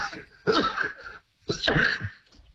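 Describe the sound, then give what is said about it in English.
Two sharp sneezes in quick succession from someone who has picked up a cold, fairly loud, separated by a brief pause, with no talking around them. “Bless you.”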